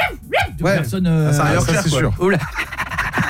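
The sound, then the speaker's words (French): A man's voice imitates a dog, letting out a series of rough, growling barks and yelps, loud and continuous for a few seconds. “Non, je trouve qu'il fait super bien le chien.”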